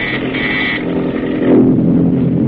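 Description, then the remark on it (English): A low, steady engine drone rumbles continuously, a PT boat's motors running muffled and dull with the mufflers closed as it tracks the enemy in darkness, with a slight swell in loudness partway through and no voices. “Now the PT's motors are muffled as it tracks the enemy.”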